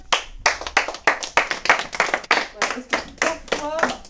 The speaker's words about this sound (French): Voilà, quand il y a quelque chose de bien, qu'on se rappelle, ben, on applaudit.